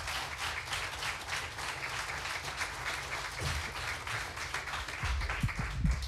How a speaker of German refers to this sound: Und wir kommen zum zweiten Finalisten, heißt auch ihn bitte noch einmal mit einem finalwürdigen 10-Punkte-Applaus hier vorne.